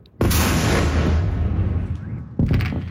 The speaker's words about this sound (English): Loud explosions rocking the Ukrainian capital for hours overnight. Ukraine's Air Force says Russia hit about 75 missiles and 500 drones, widespread damage in dozens of locations.